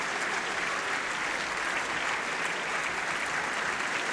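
Sustained audience applause at a staged performance with orchestra and singers in Genoa, many in the audience standing as they clap: a dense, steady wash of many hands clapping at an even loudness throughout, with no voices standing out above it.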